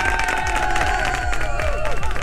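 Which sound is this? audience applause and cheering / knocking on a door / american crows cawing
audience applause and cheering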